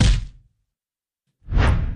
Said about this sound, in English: I like that swoosh at the end. That's a good proclamation sound.